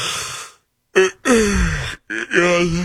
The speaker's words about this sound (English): are you yawning? I'm not fighting it.